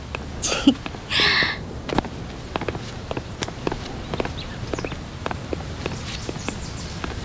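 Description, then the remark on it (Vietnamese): Horse hooves clop at an unhurried walking pace, a series of sharp knocks on hard ground, with two brief breathy snorts near the start and no voices; the horse is named Bạch Long. “Nè, con ngựa đó có tên không vậy? Có chứ, ngựa Bạch Long.”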